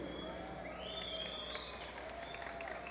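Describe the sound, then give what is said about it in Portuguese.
A crowd applauds the sound crew in a steady, continuous wash of clapping that holds at an even level throughout, with a faint high whistling tone drifting above it. “Então vamos aplaudir o pessoal do som, porque isso é um sinal de respeito ao público.”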